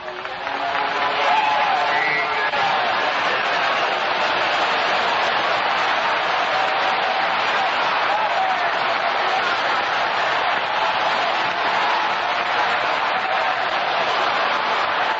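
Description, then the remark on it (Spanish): A large crowd claps steadily and continuously, a dense wash of applause that stays loud for the whole stretch, with voices mixed faintly underneath; an audience applauding as a great ovation for Jesus Christ. “Sigue aplaudiendo, sigue aplaudiendo ahí.”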